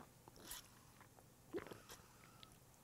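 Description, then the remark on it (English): Two short, wet slurps from a drink, the second a bit louder, with brief quiet pauses and no talking. “Let me get a slurp.”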